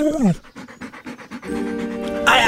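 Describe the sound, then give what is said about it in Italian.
A dog named Gaetano pants in quick, steady, breathy bursts, with a short falling vocal sound just before and a sustained voice-like tone after. “Ma pensa a te se sono in balia di una deficiente e di un cane assassino.”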